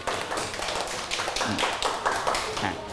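A class in a classroom claps steadily for a few seconds, a dense patter of overlapping hand claps with no one speaking over it.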